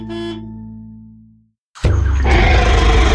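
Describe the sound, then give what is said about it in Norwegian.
A deep, droning tone fades out, and after a short silence a huge T-Rex roar sound effect bursts in, loud, rough and rumbling, sustained to the end with no voices, for the Dinosauria exhibition at Bjørneparken. “Møt dinosaurenes konge, T-Rex, sammen med mange andre dinosaurer som beveger seg og lager lyder.”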